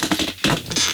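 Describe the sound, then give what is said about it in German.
A radio studio chair creaks and scrapes in a series of short, rough, scratchy bursts that come and go unevenly for about a second, with no voices over it. “Das sind unsere Studiostühle, man hört die sonst immer im Hintergrund.”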